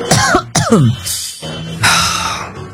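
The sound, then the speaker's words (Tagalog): Loud coughing: two quick voiced hacks followed by longer, rough, breathy coughs that trail off, with a throaty, straining quality and no talking. “Doon kayo na akong ubo na.”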